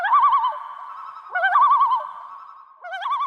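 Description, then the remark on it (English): A loon swimming toward a camper in Alberta calls in three repeated, wavering phrases, its warbling, tremolo notes rising and falling, fairly loud, with no other sounds and no talking. “Gibson told guest host Mike Finnerty what he was thinking when he noticed a loon swimming right toward him.”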